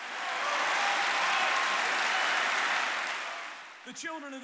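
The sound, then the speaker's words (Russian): An audience claps their hands in faith to God in a dense, steady wash of applause for several seconds, then the clapping fades as a man's voice starts speaking. “Хлопайте в ладоши, верьте в Бога.”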